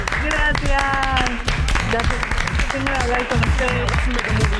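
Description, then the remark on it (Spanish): Steady applause with continuous clapping runs under a bright, tonal musical jingle and a voice, all fairly loud for several seconds without a break. “Bueno, tengo para decirte oficialmente, y vendrá el aplauso, que estás en el check-in.”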